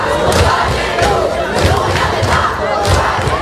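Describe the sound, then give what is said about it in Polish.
A large crowd of high school and university students protesting in France for a bigger education budget shouts and chants together in a dense, continuous roar, with rhythmic surges of voices rising every half second or so and occasional dull thumps underneath. “Wrze we Francji nasiliły się protesty licealistów i studentów, którzy żądają zwiększenia budżetu na edukację.”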